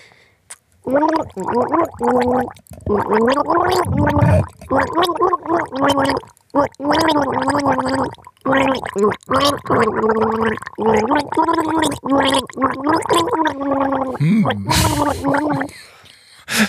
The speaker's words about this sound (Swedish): Okej, jag känner mig redo för att gurgla. Jag måste dricka lite vatten, eller inte dricka, utan ha det i munnen och inte svälja det.